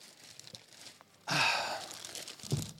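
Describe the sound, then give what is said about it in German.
A large sheet of paper crinkles, starting suddenly after a quiet moment and rustling steadily for over a second, with a brief louder crunch near the end and no one talking. “So, ich habe ein großes Stück Papier mitgebracht.”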